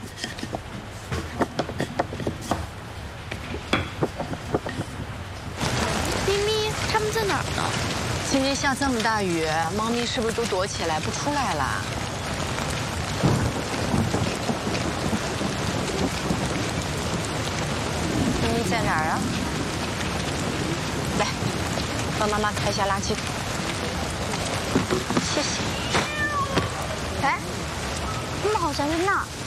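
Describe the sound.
A heavy downpour hisses steadily outdoors, with low rumbles of thunder, as a mother and child go out in the rain with an umbrella to feed stray cats. It starts a few seconds in and carries on throughout, while people talk over it.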